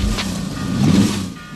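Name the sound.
car driving past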